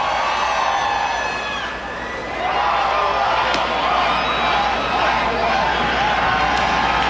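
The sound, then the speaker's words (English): A large baseball stadium crowd at the Wolf, official attendance 4,473, cheers and roars continuously as Verdugo takes a strike for an 0-2 count, a dense wash of many voices with shouts and whoops rising out of it, dipping briefly before swelling back to full volume. “As Verdugo takes a strike, it's 0-2, but just listen to the crowd.”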